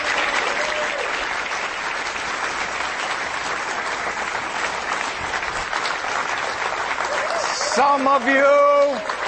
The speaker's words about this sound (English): Some of you are not clapping very loudly. Can you read the applause sign? It says clap loudly.